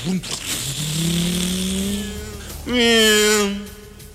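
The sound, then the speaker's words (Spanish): A motorcycle engine revs, its pitch climbing steadily, then roars louder in a second burst as it pulls away. “Vaya usted, adelante en la motocicleta.”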